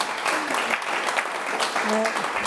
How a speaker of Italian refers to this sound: Un applauso, ma...